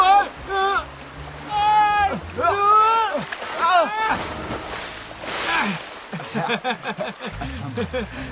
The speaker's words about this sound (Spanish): ¡Elefantes! ¡Y aquí vienen! Cuando muchos elefantes entran al agua, provocan una gran salpicada.